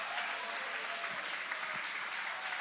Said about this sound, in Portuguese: Pode tomar o vosso assento, guarda a Bíblia com carinho e podem aplaudir, podem adorar, podem glorificar.